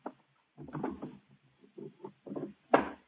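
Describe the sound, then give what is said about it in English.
The bottom drawer of a wooden dresser is pulled open in several rumbling, scraping bursts, ending with a sharper, louder clack, to get a gun kept in it. No one speaks. “It's in the bottom drawer of the dresser.”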